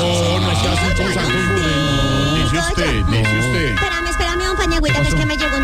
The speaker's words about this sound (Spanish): Hola, pero me van a quemar el timbre, ¿o qué? Sí, pero le, ¿cómo es eso? Van a quemar el timbre. Siempre. Se lo van a quemar. Se pegan de ahí.